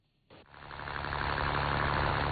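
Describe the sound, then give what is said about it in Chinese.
A boat motor starts up and runs steadily at Yazhou Central Fishing Port in Sanya at seven in the morning in warm sunshine. Its low, throbbing engine drone grows louder and holds strong, with no voices, as the boat sets off for a deep-water net-cage fish farm seven nautical miles out. “早上七点，暖阳西洒，海面波光粼粼，三亚牙洲中心渔港内马达声响起”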